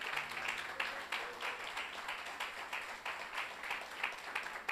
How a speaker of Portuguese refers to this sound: Você que pode, desocupa as tuas mãos. Dê uma linda salva de palmas a Jesus. Oh, aleluia.